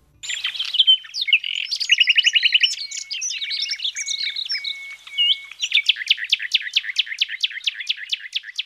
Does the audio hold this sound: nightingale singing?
yes